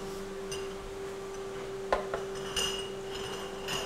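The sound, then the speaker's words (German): A spoon scrapes and clinks a few times against a glass jar while yogurt is spooned in to fill it to 500 grams, sparse, over a steady low electrical hum with no talking. “Joghurt im Glas. Jetzt muss nur noch das Gewicht stimmen.”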